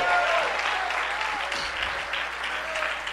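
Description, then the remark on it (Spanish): An audience claps steadily for a few seconds, a dense, even patter of many hands with a few faint voices mixed in. “Dale tu mejor aplauso.”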